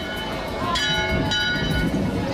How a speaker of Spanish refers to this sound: Es el caminar de la Hermandad del Rocío de Coria del Río en Sevilla, una de las más antiguas, con 4.000 peregrinos aproximadamente, que comienza su camino también en estas primeras horas de hoy.